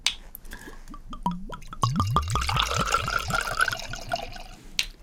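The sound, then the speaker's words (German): Rosé wine glugs out of a bottle into a glass in a quick run of gurgling pulses, clear, with the splashing settling into a soft fizz toward the end. “Wir zwei machen jetzt mal auf hier.”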